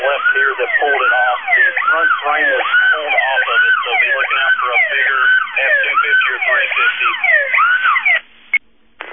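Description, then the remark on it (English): A loud alarm blares continuously, cycling through rapid rising and falling electronic whoops and warbles for about eight seconds before cutting off, with a thin, narrow, radio-like tone. “We're going to have a new copy due to the alarm going off.”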